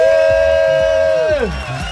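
A loud arena crowd in a hall roars and cheers for two seconds, making noise on request, with a long sustained pitched shout or horn riding over the noise before it slides downward.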